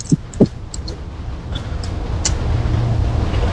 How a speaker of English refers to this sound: There's the bus. You can't catch it.